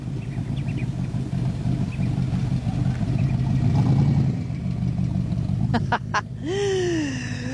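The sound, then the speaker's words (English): Car engines rumble steadily amid a busy outdoor crowd at a monthly car enthusiasts' meet on a wharf in the Top End, Northern Territory, Australia, then a loud rev sweeps the pitch sharply upward and holds as one engine climbs to a high whine. “On the first Friday of every month, the car enthusiasts of the Top End gather on one of the wharfs down here along the Duck Pond area, and a little car has just driven past me.”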